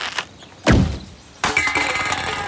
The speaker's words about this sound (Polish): Biorę łuk. Proszę. Napinam sznurek. Proszę. Wkładam strzałę. Proszę.